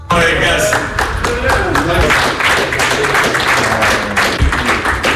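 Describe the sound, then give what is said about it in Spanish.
Belgian national team players and staff applaud steadily for Doku on his return to the World Cup squad, a dense wash of many hands clapping at once, loud and sustained for several seconds with a few sharper slaps and thuds poking through. “Esos aplausos son para Doku por parte de sus compañeros y de los integrantes de la selección belga en el regreso y en, bueno, pues en la reincorporación a un Mundial”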